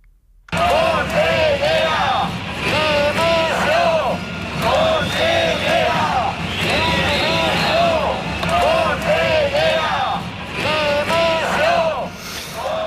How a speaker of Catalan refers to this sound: I aquests són alguns dels crits de les consignes que es van sentir ahir en la manifestació massiva a València en defensa de l'educació pública i per reclamar també al govern que atengui les demandes dels docents que porten dues setmanes de vaga.